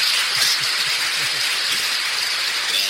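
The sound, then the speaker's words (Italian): Sustained applause from a crowd for a guest during a radio broadcast, a dense hissing wash of many hands clapping at once, holding steady in loudness for about three seconds with no voices over it. “il nostro amico 93-17, al quale facciamo un applauso. Marco, andiamo un applauso.”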